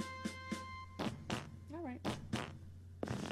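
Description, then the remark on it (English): A comedic fart sound effect: a string of short, loud, buzzy blasts with a wobbling, squeaky pitched stretch in the middle, over a steady low hum. “might I have a Yankee Doodle fart?”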